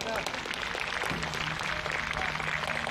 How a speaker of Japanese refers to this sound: 今日この活動にあれですね、するにあたって、まあ、メディアの方々もそうですけれども、こういういろんなたくさんのスタッフの方がいると思うので、あの感謝の気持ちを込めて、拍手で終わりたいなと思います。はい、じゃあぜひ拍手をして終わりましょう。